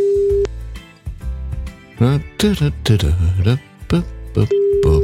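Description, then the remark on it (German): A steady, flat phone ringback tone from a call to a mobile phone sounds briefly at the start and returns at the end, with people talking over the gap between the rings. “Nee, dann würde es ja nicht klingeln,”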